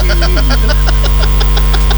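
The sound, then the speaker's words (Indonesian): A jet engine sound used in a musician's music rumbles steadily with a deep low roar, overlaid by quick, evenly spaced mechanical pulses about six or seven per second, with no voices. “Dengan suara-suara mesin sih lo. Suara mesin jet.”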